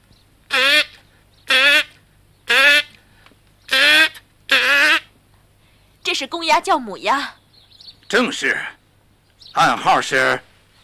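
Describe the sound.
A person imitates duck quacks in a forest as a coded signal: five loud, nasal quacks at a steady pace, followed by a few rougher, more uneven quacking calls.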